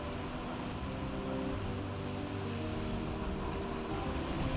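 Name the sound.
sea waves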